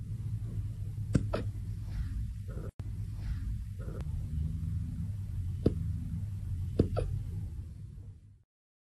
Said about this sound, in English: These might be the most precious little hiccups ever.